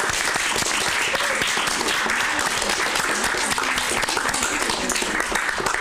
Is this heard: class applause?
yes